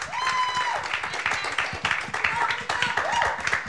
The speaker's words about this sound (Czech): tak prosím potlesk za odvahu, že přihlásila písničku.